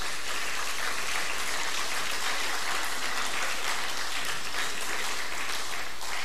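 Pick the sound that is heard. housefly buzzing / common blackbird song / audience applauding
audience applauding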